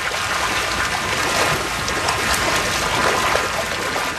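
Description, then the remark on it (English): Trout splash and churn in running raceway water at the Trout Spot trout farm as the evening feed is prepared, a steady rush of flowing water broken by scattered brief splashes throughout, with no voices. “As he prepares the evening feed, fish begin splashing through the raceways.”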